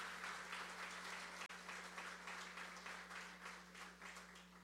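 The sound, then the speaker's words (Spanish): Sustained applause from a church audience applauding themselves, a dense wash of many hands clapping steadily for several seconds with a brief dropout near the start, with no voices on top. “Dense un fuerte aplauso ustedes mismos.”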